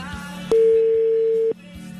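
One steady, loud electronic ringing tone from a phone call sounds for about a second, then stops, over a low background hum with faint periodic clicks.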